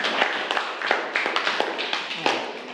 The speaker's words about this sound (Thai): ปรบมือให้เพื่อนกลุ่มนี้หน่อย